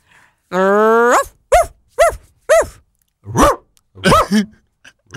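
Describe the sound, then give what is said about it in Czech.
Someone imitates a dog loudly: a drawn-out rising whine, then about six short, yappy barks spaced irregularly, with no other voices or background sound. “A pejsek? Dobrý.”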